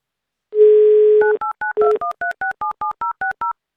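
A steady telephone dial tone hums for about a second, then a quick run of about a dozen short, evenly spaced touch-tone beeps as a number is dialed. No voices.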